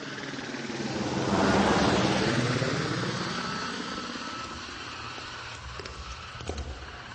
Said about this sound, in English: And I always wanted to take a ride in a helicopter.